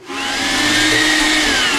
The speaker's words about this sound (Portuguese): Liga o liquidificador,